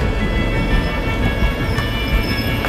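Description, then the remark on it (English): A train rumbles steadily along the rails, travelling north towards the gas fields, with a loud, continuous low-end roar, faint rhythmic wheel clatter and a high metallic whine running through it, heard from on board. “As my train continues its journey north towards the gas fields, we cross paths with one or two passenger trains, as well as lots of condensed gas tanker trains, heading south to fuel Russian industry and the economies of much of the rest of Europe.”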